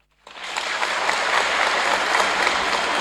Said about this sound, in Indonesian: Yang kami hormati dan saya hormati, kami semua hormati dan kami banggakan, Danrem 011 Lilawangsa Jenderal Ali Amran. Tepuk tangan.